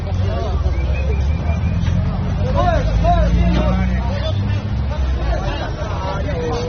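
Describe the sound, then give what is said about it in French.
A dense crowd murmurs and shouts over a steady low engine rumble at the busy Vero Peso riverside fish market, as fishing boats try to push through the crowd of vessels already moored at the quay; continuous. “Vero Peso grouille de monde. Les bateaux de pêche tentent de se frayer un passage à travers l'entassement de vaisseaux déjà à quai.”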